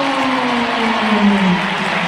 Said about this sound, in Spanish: Qué final Jota y Lafico, mirá cómo le aplauden.